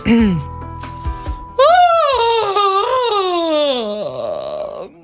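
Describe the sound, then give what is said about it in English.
A person imitates a loud, drawn-out public yawn by a woman in an airport: a long, strained vocal groan that rises, wavers and slowly slides downward in pitch for several seconds, preceded by a few short vocal sounds. “That's a yawn. A loud yawn.”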